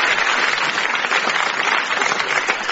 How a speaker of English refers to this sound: Welcome, a round of applause